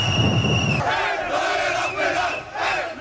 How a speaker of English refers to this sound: And finally, Moroccan soccer fans are cheering.